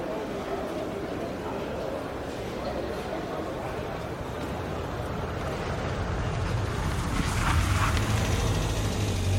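A radio-play street scene built from added sound effects: a steady murmur of a crowd with traffic rumble, and a car engine growing louder near the end. No single voice stands out, and footsteps and clinking coins are hard to pick out.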